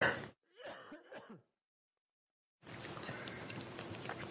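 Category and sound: human body sound, cough and throat clearing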